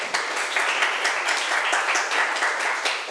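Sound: students clapping hands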